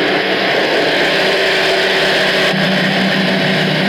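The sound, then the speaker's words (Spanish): A tractor engine runs loud and steady while spraying orange and mandarin plants in Salto, Uruguay, a constant heavy drone mixed with hissing, roaring noise throughout, with no pauses and no voices. “¿Quién no te va a llenar de orgullo si andan arriba de un tractor?”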